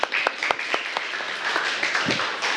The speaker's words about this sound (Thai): ปรบมือให้กับกลุ่มตัวแทนของเราค่ะ